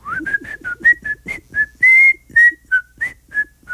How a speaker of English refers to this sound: And we are whistling here on Da Ali B Show today.